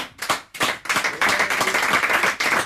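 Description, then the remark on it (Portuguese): An audience at a Ribatejo fado gathering (tertúlia) breaks into applause for Portuguese guitar player João Vaz: a few separate claps at first, quickly swelling into dense, continuous clapping that holds steady and fairly loud, with no voices over it. “Temos a guitarra portuguesa ao João Vaz, para que eu peço mais uma salva de palmas, nunca é demais.”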